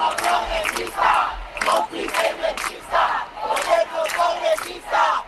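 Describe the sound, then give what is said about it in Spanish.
A large protest crowd at a rally in Spain chants a slogan in unison, loud voices rising and falling in a steady rhythm of repeated phrases with short breaths between them. “2:30, 1:30 en Canarias, en las concentraciones que han recorrido España en las últimas horas, se ha escuchado este grito.”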